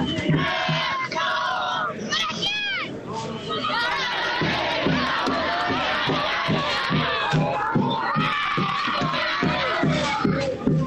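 A large crowd of Belgrano football fans chants loudly and continuously outdoors at the stadium entrance in the Alberdi neighbourhood, many voices singing together in a steady rhythmic cadence with shouts rising over the dense, reverberant roar.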